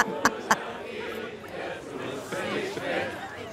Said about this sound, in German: Viele Grüße an das tolle Publikum. Danke, die hören gar nicht mehr auf. Die hören nicht mehr auf.